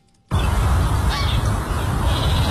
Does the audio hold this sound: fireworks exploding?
no